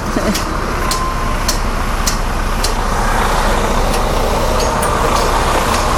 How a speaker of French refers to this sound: Donc quand le camion part, eh bien, les sons qu'il masquait réapparaissent.